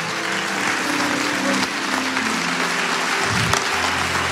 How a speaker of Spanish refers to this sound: ¡Aleluya! Vamos a celebrar al Señor. ¿Qué les parece con un aplauso cerrado a los cielos? Un aplauso grande, poderoso, a esos cielos que jamás, jamás te dieron la espalda.